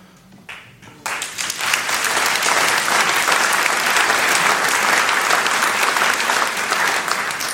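A burst of audience applause starts after a second of quiet and swells into dense, steady clapping from many hands, holding loud and even through the rest.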